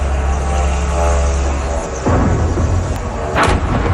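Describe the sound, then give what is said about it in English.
A droning propeller engine buzzes loudly and steadily as an attack drone flies in, then an abrupt heavy blast as it slams into an apartment building in Moscow, Russia, followed by rumbling noise and a second sharp burst. “An eyewitness videos the moment a drone slammed into an apartment building in the Russian capital.”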